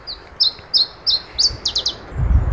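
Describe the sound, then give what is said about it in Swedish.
An Iberian chiffchaff, a rare vagrant recorded in Finland, sings a bright, high series of short repeated notes, steady at first and then quickening into a faster run of downslurred chips, with soft low rumble toward the end. “Då hör ni som ytterst få finländare som har hört en iberisk gran. Sångare.”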